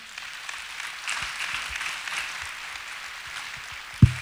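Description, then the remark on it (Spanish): An audience applauds the Lord at the close of a prayer, steadily for several seconds, a dense, even patter of many hands clapping at moderate volume, ending with a single sharp thump near the end. “¿Le das un aplauso al Señor?”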